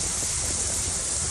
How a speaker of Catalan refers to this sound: Aquest que sentiu era el so de la pluja a Mahó, però més que l'aigua, allò que ha fet més mal ha estat el vent.